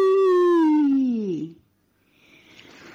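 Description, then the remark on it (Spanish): A single long, moaning whale call in the distance with a rich harmonic tone slowly bends downward and fades, followed by a soft, airy hiss like wind or water. “Las ballenas la estaban llamando.”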